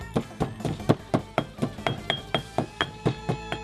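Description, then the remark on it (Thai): A pestle pounds black pepper and kaffir lime zest in a mortar, about fifteen firm, evenly spaced thuds with a faint ringing clink on each strike, while a soft tonal hum runs underneath. “แล้วถึงคราวโขลกพริกไทยดำหั่นเตรียมไว้คือหัวคาตามมาคือผิวมะกรูดโขลกไปให้แหลกสักพัก”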